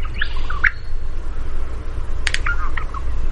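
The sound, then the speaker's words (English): A male honeyeater in the wild in Australia, recorded by a research team, sings a few short, squeaky whistled notes, then a burst of sharp clicks and warbling phrases over a steady low rumble of background noise. “If they encountered a male, they'd record his song.”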